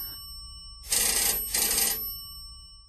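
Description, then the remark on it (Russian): A telephone in an adjoining room rings insistently in two sharp, bright, loud bursts, one right after the other, with no voices and only faint background noise around them. “Зазвонил телефон. Резко, настойчиво, отчаянно.”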